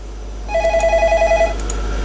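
A telephone rings with a fast, trilling electronic warble lasting about a second, clear, over a steady low hum, with no one speaking.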